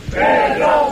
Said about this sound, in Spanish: Este clásico, estos otros abucheos.